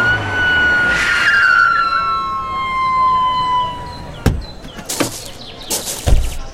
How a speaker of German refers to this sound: Da, der Rettungswagen kommt. Ja, zum Glück ist die Station ganz in der Nähe.